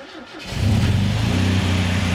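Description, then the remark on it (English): A car engine, just topped up with oil, cranks and catches about half a second in, then settles into a steady, loud idle with a deep rumbling hum. “So I start up the engine, and what happens next absolutely shocks me.”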